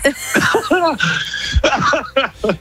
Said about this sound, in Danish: oh my god, du har bedøvet min hjerne med din hoste.